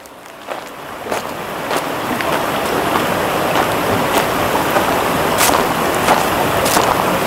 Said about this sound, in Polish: Teraz to woda opadająca z wysokiej skały. To pierwszy z wielu wodospadów, jakie mogę spotkać na tej trasie.